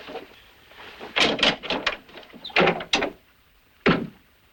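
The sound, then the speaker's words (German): A wooden door bolt slid shut: a cluster of rattling clacks and scrapes, then a pause and one final solid knock as it settles. No voices. “Zunächst werde ich den Riegel an der Tür zuschieben.”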